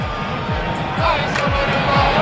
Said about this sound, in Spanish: Sonido en directo desde la Azteca. Aplauden y ya saltan